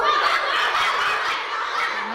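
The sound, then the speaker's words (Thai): During a teacher's lesson on the words small dog and big dog, a child imitates a big dog barking with a rough, raspy, fairly loud voice, drawn out into one continuous growly stretch lasting about two seconds rather than separate sharp barks. “โอ้เสียงใหญ่มากถ้าเป็นด็อกตัวเล็กๆก็เป็น small dog ถ้าเป็นด็อกตัวใหญ่ก็ต้องเป็น big dog ต้องเป็นอะไรนะลูกหยุดเห่าก่อนหยุดเห่าก่อน”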